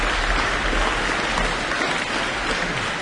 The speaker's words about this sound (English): Well, they got a lot of applause there. It's still going. Let's give them a bit more of a hand.